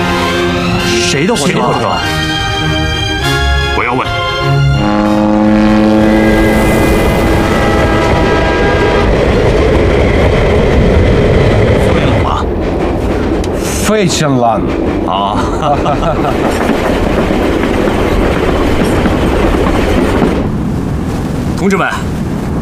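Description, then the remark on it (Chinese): The Chairman's special train rumbles loudly along the tracks, with a steady roar and clatter throughout. Several blasts of its horn sound near the start, and voices can be heard beneath the noise. “同志们，主席的专列已经出发了，请立刻通知苏联外交部。”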